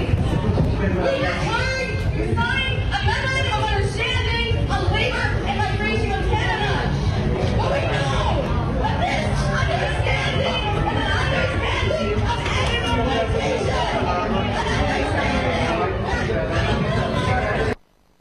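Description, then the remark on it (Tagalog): A dense crowd of protesters shouting outside a Jollibee store in Vancouver, Canada, during a visit by President Ferdinand Marcos Jr., a loud, steady roar of overlapping shouting and chatter with no single voice standing out, cutting off abruptly at the end. “Sa pagpasok pa lang ni Pangulong Marcos sa store, dinig na sa labas ang sigaw ng mga nagkikilos protesta, pero itinuloy pa rin ng Pangulo ang kanyang pagbisita.”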